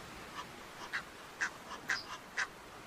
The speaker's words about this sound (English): They have all the time in the world, and don't hesitate to show the Egyptian geese who's in charge.